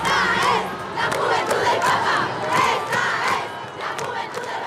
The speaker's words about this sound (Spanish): El concierto duró una hora y terminó con la ovación del público.